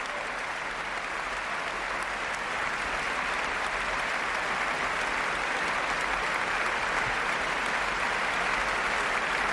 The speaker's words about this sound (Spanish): De nuevo sale a saludar y a recibir los aplausos del público ….